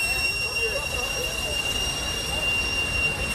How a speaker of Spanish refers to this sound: Su sonido característico no se escucharía tan fuerte y tan lejos sin el sistema de escape vertical de vapor que funciona como chimenea en el carrito de camotes.